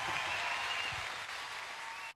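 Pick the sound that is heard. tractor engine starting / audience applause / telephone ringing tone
audience applause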